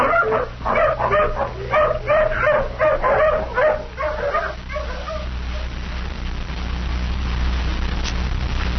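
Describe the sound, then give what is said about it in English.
A hound dog barks and whimpers in a quick run of eager, whiny yelps for several seconds while being made to sniff a shirt for a scent, then falls quiet, leaving only a low, steady background rumble. “Come on, hound, sniff. Take another smell of this shirt.”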